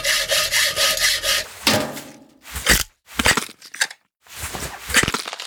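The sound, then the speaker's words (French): A saw rasps through a rib cage as it is cut open with a saw and pliers, first in quick steady back-and-forth strokes, then in several slower, separate harsh pulls with brief pauses between them. No one speaks. “Et ensuite, avec une scie et des pinces, il se met à ouvrir la cage thoracique.”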